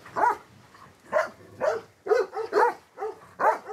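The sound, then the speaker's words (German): Herding dogs that guard a flock bark in a quick, uneven series of about seven sharp barks, clear, with no one talking over them. “Er behielt einfach die Hunde, die sich am besten eignen.”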